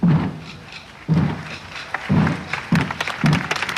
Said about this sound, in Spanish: Las cofradías de Semana Santa han hecho sonar sus tambores.